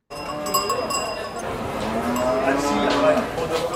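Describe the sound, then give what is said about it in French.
A Charolais cow moos in a long, low drawn-out call, rising steadily over a busy background of crowd murmur and other animal sounds at a livestock show, with Charolais cattle brought from Haute-Loire. “Sa meugle, sa caquette, sa belle”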